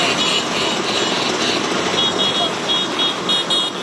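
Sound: vespa scooter engines running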